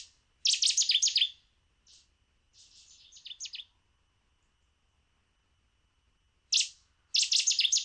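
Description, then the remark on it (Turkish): A small bird sings a bright, rapid phrase of high chirps, then falls silent for about ten seconds before repeating the same burst. The song is clear, with no voices. “Bu kuşu dere boylarında çok fazla görüyoruz. Aslında gerçek bir köy kuşu.”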